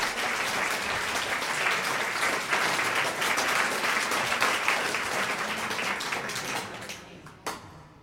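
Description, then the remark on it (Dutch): A crowd applauds a pianist about to play Chopin's Tarantella, a steady, dense wash of many hands clapping for about seven seconds before it thins out and fades, with one last stray clap at the end. “Mag ik dan een groot applaus?”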